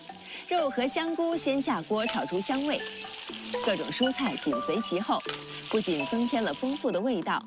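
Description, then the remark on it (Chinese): Meat and shiitake mushrooms stir-fry in a wok to release their aroma, as toppings for Zhao'an red crab rice, with a loud, steady sizzle and hiss that runs the whole time, while melodic background music plays underneath. “肉和香菇先下锅炒出香味，各种蔬菜紧随其后，不仅增添了丰富的味道，也让色彩更加赏心悦目。”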